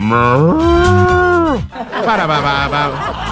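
A cow moos loudly, one long drawn-out low call followed by a second wavering moo that trails off.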